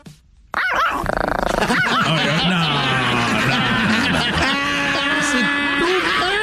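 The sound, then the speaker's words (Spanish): A game buzzer sound effect of a small dog barking and yapping, triggered by pressing a contestant's button, loud, sounding almost continuously for about six seconds after a brief quiet start, with voices talking over it. “Oye, ponle un perro de veras, ¿qué es eso? ¿Qué es eso? ¿Un chihuahua?”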